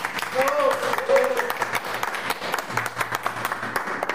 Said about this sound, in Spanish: Se nos damos un aplauso cariñoso.